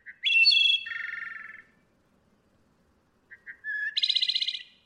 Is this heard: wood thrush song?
yes